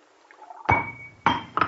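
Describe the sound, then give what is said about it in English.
A wine glass slips from a person's hand and strikes a hard surface with a sharp, ringing clink, followed by two more quick glassy knocks as it bounces or breaks, fairly loud with no voices. “The glass, it... slipped from my hand.”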